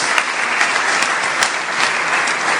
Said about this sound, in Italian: Ancora un applauso per la ministra Maria Elisabetta Alberti Casellati.